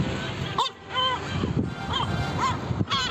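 Several sharp, harmonic seagull calls repeat in quick succession over a noisy outdoor background, loud, with brief pauses between each shrill cry, as a seagull attacks a man on the rooftop of a house in Zeytinburnu, Istanbul.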